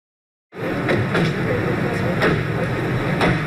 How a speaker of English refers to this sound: Everyday sounds of car doors opening and men chatting. But the news video from 1995 shows a scene far less ordinary. Serbian President Slobodan Milosevic arriving at a historic meeting on a U.S. Air Force base near Dayton, Ohio.